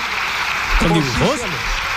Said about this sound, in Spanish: Oye, se oían ahí bastantes aplausos al final de todo el gobierno, salvo de una persona. Ella era Margarita Robles.